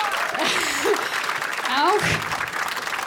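An audience claps steadily and loudly for about three seconds for a musician on double bass, a dense crackle of many hands, with a few rising and falling vocal cheers mixed in.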